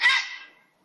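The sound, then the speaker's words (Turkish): A single harsh, croaking grey heron call recorded in Ankara, loud, a rasping squawk that fades out quickly within about half a second, with no other sounds around it. “Gri balıkçılık Kuzey Cem Kulaçoğlu Ankara'da.”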